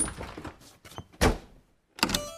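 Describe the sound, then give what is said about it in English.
A door is pushed shut with a solid thud, followed a moment later by sharp metallic clicks and rattling of a latch or lock being turned, with no voices. “They locked the door and the three bears played happily.”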